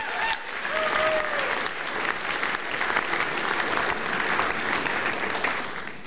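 Sustained audience applause for a musical duo, a dense steady clatter of many hands clapping at an even loudness for about six seconds, with a brief whistle early on.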